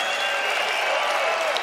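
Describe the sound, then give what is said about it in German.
Steady, dense applause from a concert audience after a band's performance, a continuous wash of many hands clapping at an even, fairly loud level with no voices standing out. “Das ist euer Applaus.”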